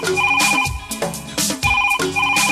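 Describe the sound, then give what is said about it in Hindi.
A telephone rings in a loud, repeating electronic pattern, with bright tonal bursts recurring roughly every second, filling the whole clip with no voices. “hello, फिर क्या, phone उठाइए, वॉल्यूम बढ़ाइए, जो चाहे वो ट्रैक सुनाइए,”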